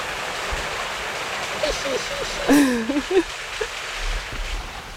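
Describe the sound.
Steady rushing of a waterfall fills the whole recording with a constant broad hiss, while a person speaks briefly over it in the middle.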